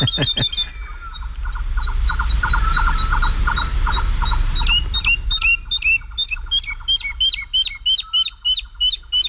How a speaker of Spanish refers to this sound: Y la totobía está, es una alondra, la alondra de bosque, la totobía está volando arriba, aleteando frenéticamente y cantando. Es como si nosotros pudiéramos correr y cantar a la vez sin jadear.